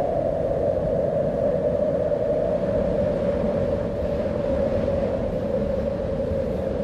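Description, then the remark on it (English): Steady, unbroken wind blowing with a constant low rumble and a sustained hollow howl running through it, holding the same loud level throughout with no voices. “That's not the Barkly Breeze. I just stole that off the internet, but you know what I'm talking about.”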